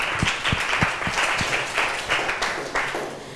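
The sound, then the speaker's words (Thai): A class of students applauds steadily for the student representatives, a dense patter of many hands clapping at an even volume, with a few sharper individual claps standing out in the first half. “ขอเสียงปรบมือให้ตัวแทนนักเรียนด้วยค่ะ”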